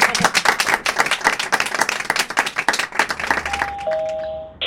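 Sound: studio audience applause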